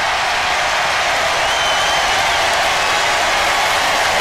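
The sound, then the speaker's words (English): A large crowd at a J.D. Vance rally cheers and roars wildly, a dense, loud wash of voices and clapping that holds steady for the whole stretch without easing off. “So there is the crowd losing their minds.”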